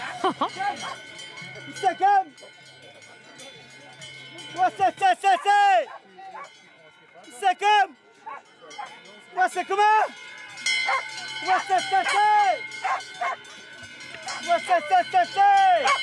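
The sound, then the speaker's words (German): A herder's sung cow-calling chant, the Talspruch of the Münstertal in Alsace, used to call cows: a series of drawn-out, swooping vocal calls in bursts, rising and falling in pitch, with steady cowbell clanking underneath. “Die Talspruch vom Münstertal für die Kuh rufen.”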